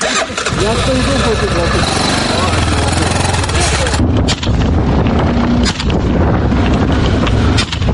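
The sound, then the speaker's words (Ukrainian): A quad bike engine revs and runs steadily while soldiers of the 7th Rapid Reaction Corps of the Air Assault Forces, seated backwards on it, shoot at an FPV drone hunting them; in the second half a few sharp, irregularly spaced gunshots crack over the engine noise. “Всі стріляли вже стійні.”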